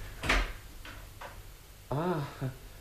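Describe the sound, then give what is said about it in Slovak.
A door latch clicks sharply, followed by a couple of faint knocks, then a short rising-and-falling creak as the door swings open, fairly quiet. “Ticho, otvorím a pozriem sa, kto to je.”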